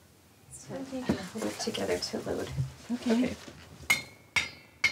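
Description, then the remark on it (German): A person talks, then a spoon taps the sealed lids of glass jars of home-canned salmon three times in a steady rhythm as a seal test, each tap a sharp, bright clink with a short high ring. “Dann folgt der Löffeltest.”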